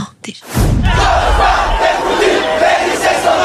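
A large crowd of several thousand high-school students protesting in Paris in 1991 shouts, whistles and chants slogans in a dense, continuous roar. The roar swells in after a brief quiet start and stays loud throughout, with overlapping voices and chant-like tones rising above the din.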